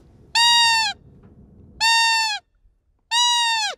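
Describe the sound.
Three loud, evenly spaced test calls from a hunter's lure for a roe deer buck in the rut, made at Bamble church in Bamble early in the morning during buck hunting season, each a high, reedy, slightly falling squeak lasting about half a second, with quiet pauses between.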